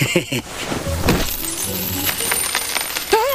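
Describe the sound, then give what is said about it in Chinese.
A dense, continuous jingle of many metal coins pouring out of a burlap sack in a loud rush for about three seconds, with brief voices at the start and end. “哎呦我， 光头强，你哪来这么多硬币啊？”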